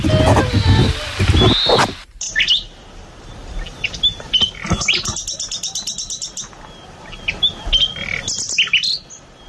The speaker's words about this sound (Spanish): Esto es un ruiseñor.